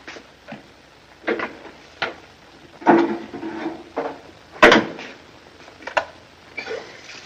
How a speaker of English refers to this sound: He goes and gets a bottle. Get a couple of glasses, will you?